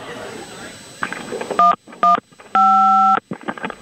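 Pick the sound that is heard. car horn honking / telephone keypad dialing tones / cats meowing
telephone keypad dialing tones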